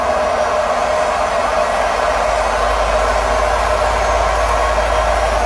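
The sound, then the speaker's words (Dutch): A washing machine in France in its final spin cycle gives off a loud, steady high-speed roar and whir with a low hum underneath, holding constant without pause throughout. “Dit zijn de laatste loodjes van de wasmachine Ilshuis in Frankrijk.”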